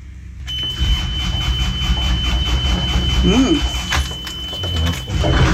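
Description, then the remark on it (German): A boat's diesel engine, after brief preheating with the throttle lever pushed forward in neutral, starts up and settles into a loud, steady idle rumble at about 1200 rpm to warm up, with a thin high-pitched warning tone running alongside and a brief murmur of voice. “Und dann schieben wir den Gashebel erstmal im Leerlauf nach vorne, starten den Motor, ein bisschen auf Vorglühen.”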